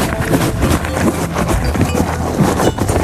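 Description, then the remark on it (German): A horse named Didi chews food it is being fed with steady, crunchy grinding and rubbing sounds. The chewing is loud and continuous, with no talking over it. “Deine Aufgabe, was frisst das Pferd?”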